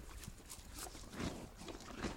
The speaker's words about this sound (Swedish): Jag väntar på att man ska få höra det där härliga tuggandet. Inget är så härligt som man har en häst tugga